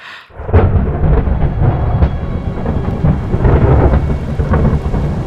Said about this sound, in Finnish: Ukkonen jylisee läheisillä vuorilla.